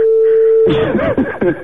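A steady, mid-pitched telephone ringing tone of a call placed to a listener's mobile phone holds for under a second, then someone starts talking loudly as the tone cuts off.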